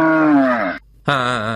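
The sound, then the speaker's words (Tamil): Two loud moos from cattle in a shed, each a long harmonic low call separated by a brief silence, the second slightly rising and wavering, with no talking. “செல்வங்களா தங்கங்களா, கொட்டகையிலே இருங்க, டவுன் வரைக்கும் போயிட்டு தவிடு வாங்கிட்ட திரும்பி வந்துடுறேன், வந்து உங்களுக்கு தண்ணி காட்டுறேன், புல்லு போடுறேன்.”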